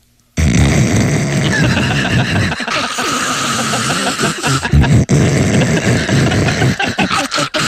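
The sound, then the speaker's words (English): A voice imitates a noisy coffee maker: a loud, harsh, sustained gurgling and sputtering roar that runs for several seconds with rough, bubbling fluctuations and brief dips. “Technology, what we can do today, we can put a man on the moon, we can send cameras out to Saturn, take pictures, send them back, computers, you know, but we still can't make a coffee maker that doesn't go...”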